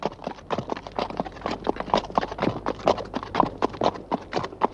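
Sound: horse hooves clip-clopping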